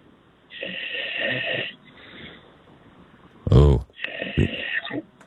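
A man snores in his sleep: a long, raspy rumbling inhale, a quieter pause, then a sudden loud snort followed by another drawn-out nasal snore, heard close up.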